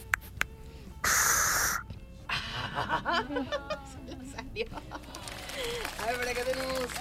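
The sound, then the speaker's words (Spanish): A voice imitates a spray can with one steady, bright hiss lasting under a second, followed by snickering laughter and lively talking. “Ahorita también nos dijiste que sabes hacer un ruido de lata. De lata de spray, más o menos podría hacerle, a ver.”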